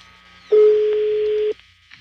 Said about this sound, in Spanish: Está sonando el teléfono ya del hijastro.